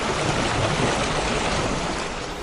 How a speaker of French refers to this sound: Trouve-nous plutôt un doux clapotis des flots.